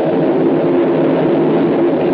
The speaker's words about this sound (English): Listen to it rain.